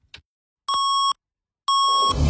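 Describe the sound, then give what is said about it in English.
Two steady, mid-pitched electronic beeps of the 570 News Radio Kitchener time signal marking 5:30, each lasting about half a second with a pause between; a brief click comes before them and a low rumble creeps in at the end. “At the sound of the tones, 570 News time is 5:30.”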